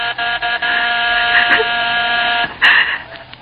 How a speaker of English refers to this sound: Suddenly, the doorbell stopped.